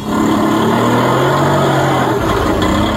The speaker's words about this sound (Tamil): Auto அண்ணா, வண்டியை நிறுத்துங்க.